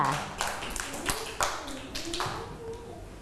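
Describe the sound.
Scattered, uneven claps from a small group of children in a lesson on Thai traditions, sharp and spread across a few seconds, with faint voices murmuring underneath, as the children are asked to applaud a classmate.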